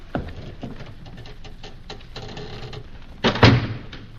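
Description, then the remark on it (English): A heavy door thuds shut once, loud, after a few seconds of soft tapping and faint background rustle. No one speaks. “The door is off.”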